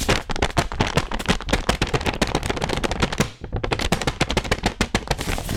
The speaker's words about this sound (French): C'est le tour du papier fait main. Quels sons on écoute si on l'étire?